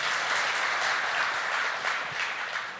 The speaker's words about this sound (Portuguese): Você pode aplaudir a palavra de Deus, acolhendo esta palavra.